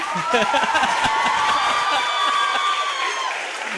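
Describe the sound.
Dense audience applause, a steady wash of many hands clapping at a fairly loud level, with some cheering and crowd voices mixed in before it gradually thins toward the end.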